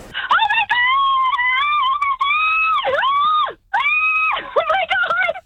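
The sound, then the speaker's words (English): A single fan screams excitedly, a loud, sustained high-pitched shriek with wavering pitch that breaks briefly for a breath, then resumes in a second long burst. “Screaming out.”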